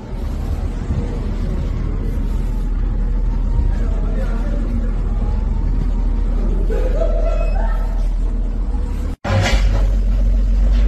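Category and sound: vehicle, road traffic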